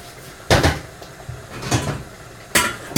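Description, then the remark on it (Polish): A metal pot of pasta is taken off the stove and set down while the pasta is drained, with a few loud clanks and knocks at irregular intervals amid quiet handling noises and no talking. “Zdejmuję go więc z pieca i odcedzam.”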